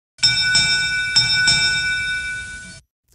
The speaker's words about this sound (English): There's the Derby bell, which means that it's now time for our Striped Bass and Bluefish Derby Report.